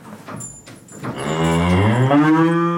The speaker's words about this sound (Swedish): Kossor. För en räddningsaktion av två kor avslutades tidigare i morse i Skellefteå kommun. Ja, det var två kor som var nära att ramla ner i en sån här gödselbassäng i Klutmark här på morgonen.